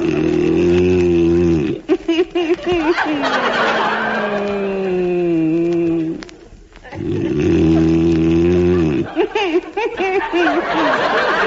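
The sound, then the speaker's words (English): A man snores loudly in long, rumbling, almost mooing breaths, three drawn-out snores with a short quiet gap before the last one. “It's the only way I can stop you from snoring.”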